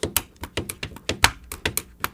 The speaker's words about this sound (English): I was playing the pen on the paper.